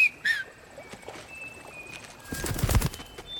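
A sharp whistle rings out as Pollux puts his fingers between his lips, followed by faint, thin whistled calls of mockingjays echoing back, then a brief burst of fluttering wings. No one speaks.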